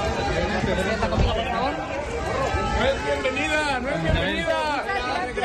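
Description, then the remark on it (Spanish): A protesting crowd in Mexico boos and shouts phrases like "No eres bienvenida" as Madrid president Ayuso arrives to receive the Aguascalientes medal, many voices overlapping in a loud, continuous din, with rising and falling yells cutting through the steady roar for the whole stretch. “Ayuso ha sido recibida hace unas horas entre abucheos y frases como «No eres bienvenida».”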